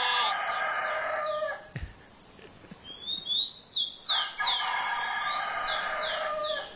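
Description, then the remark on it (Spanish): A rooster crows loudly in two long, drawn-out calls with a brief pause between, while smaller birds chirp in quick rising notes during the gap. “No, pero ya está el gallo, ya está cantando, bueno.”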